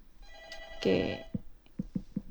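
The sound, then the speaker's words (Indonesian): An incoming WhatsApp phone call to a radio show: a telephone rings once in a short, bright burst of overlapping tones, followed by a few soft knocks and clicks like the handset being picked up. No one speaks. “Mungkin Bu Wira bisa telepon lagi karena belum tersambung ini di Bluetooth.”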